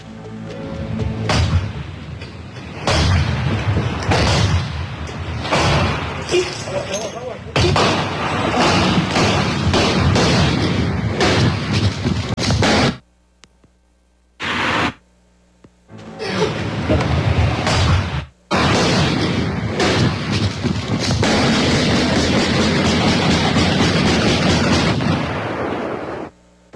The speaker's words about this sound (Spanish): Y vamos a escuchar, Marcos, cómo fuera cuando el momento de llegar al cateo, cómo están derribando con el ariete táctico la chapa y cómo los agrede a los elementos, a los uniformados, a balazos este hombre. Vamos a escucharlo.